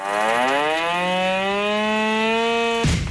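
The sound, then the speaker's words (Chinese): At dawn at the camp of a brigade of the Army's 83rd Group Army, a loud, urgent alarm siren blares in one long, steady wail that slowly climbs in pitch for about three seconds, then cuts off abruptly with a short noisy burst, starting an unannounced combat-readiness drill. No one speaks. “天刚蒙蒙亮，一阵急促的警报声骤然划破营区的沉寂。”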